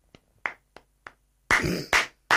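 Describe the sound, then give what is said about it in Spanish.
Four sharp, evenly spaced hand claps ring out alone, followed by a sudden loud burst of dense clapping and two more forceful claps at the end, applause for Aranda, the number 10. “Más fuerte el aplauso para la 10 de Aranda, sin ninguna duda.”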